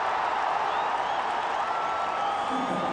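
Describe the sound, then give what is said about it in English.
A large stadium crowd at a cricket match roars with steady cheering and applause after a drive down the ground by Surya Kumar, a dense, continuous wash of noise that stays loud throughout without any clear breaks. “And that gets the crowd going.”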